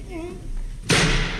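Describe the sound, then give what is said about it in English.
A tremendous-sized brass door knocker carved with a lion's head strikes a door once on a wet night, a sudden loud thud that rings on briefly, following a moment of faint murmuring in the background. “Tremendous-sized brass knocker on this door.”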